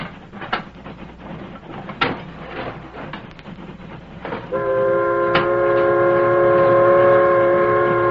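A steam locomotive rumbles along the rails with sharp metallic clanks, then a loud, steady multi-note whistle starts about halfway through and sounds continuously to the end. No one speaks.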